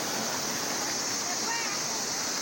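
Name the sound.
river water flowing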